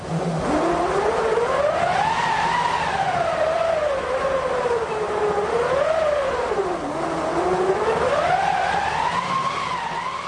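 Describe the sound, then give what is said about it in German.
A theatrical wind machine howls steadily. It is a crank-turned roller rubbing against a taut canvas or linen cloth on a wooden or metal frame. Its whooshing, breathy tone glides up and down in pitch as the crank speeds and slows, loud and continuous with no voices. “Daraus besteht eine Windmaschine und die kann solche Klänge erzeugen.”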